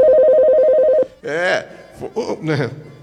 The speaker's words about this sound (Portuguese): Ah, foi do telefone, então. Ah, toca, toca, telefone.